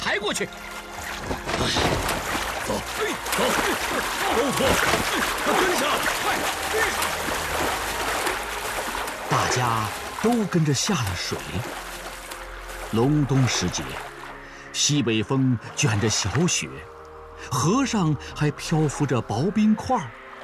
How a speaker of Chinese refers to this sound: 大家都跟着下了水。隆冬时节，西北风卷着小雪，河上还漂浮着薄冰块。